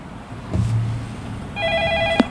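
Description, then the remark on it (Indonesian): A telephone starts ringing partway through with a steady, bright electronic trill, fairly loud, over a low background rumble and a couple of short knocks: a listener calling in to a radio song-request programme. “Silahkan saya nantikan Anda di line telepon ataupun handphone kami pendengar.”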